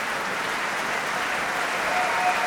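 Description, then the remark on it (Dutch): Steady, dense applause from an opera audience for soprano Elisa Maieschi as Juliette, many hands clapping at once in a continuous, even wash of sound with no voices standing out. “En je hoort het aan de zaal.”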